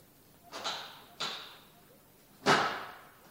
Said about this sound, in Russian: Запри за мной дверь.